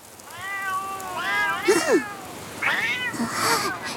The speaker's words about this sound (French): Des chats! Ils me suivent depuis cette nuit. Je crois bien qu'ils habitent la ferme juste en dessous.